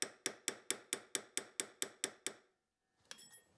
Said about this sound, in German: mit einem Goldschmiedehammer die Ringe Schritt für Schritt in ihre runde Form. Dazu benutzt er einen Hammer mit abgerundeter Finne, um möglichst keine Kante zu erzeugen.